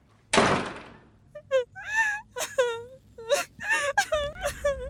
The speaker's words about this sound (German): Da war die Stille erfüllt von wütendem Schluchzen. Etwas, das wir alle kennen, das wir selbst und bei anderen erlebt haben.